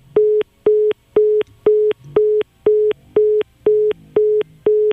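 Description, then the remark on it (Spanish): A repeating telephone line tone heard after a call was cut off: short steady beeps about two per second, evenly spaced with brief gaps, loud, with faint low hum underneath and no talking. “Ve, ahí se supone que ya se debía de quitar la interferencia, si fuera interferencia. Porque ya se cortó la llamada, ¿no?”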